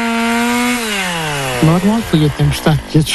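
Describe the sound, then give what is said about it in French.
A chainsaw drones loudly, its engine pitch sagging as it bites into the wood of trees felled by a storm, then revving in a quick series of short, rhythmic bursts. “Alertés par le bruit des scies, les habitants en bordure de forêt sont fatalistes”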